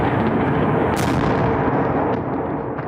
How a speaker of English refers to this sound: This felt and sounded like one of the heaviest overnight attacks Kyiv has suffered, with repeated huge ground-shaking explosions right across the city. It lasted several hours, mixed with the buzz of Russian drones flying overhead